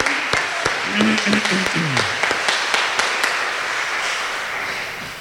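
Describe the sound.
An audience applauds steadily, dense clapping filling the whole stretch with a few sharper claps standing out, while a voice briefly speaks over the start.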